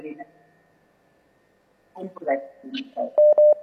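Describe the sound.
A phone line connecting on an incoming listener call to the Causa Chuncoca radio program: muffled voices and clatter, then a quick run of three loud, steady electronic beeps at the end.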